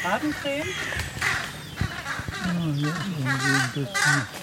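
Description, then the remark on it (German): Birds give loud, harsh alarm calls, several overlapping cries repeating over a few seconds, with a brief sharp flutter of wings partway through. “Akustisch haben die Kollegen natürlich auch Alarm gemacht.”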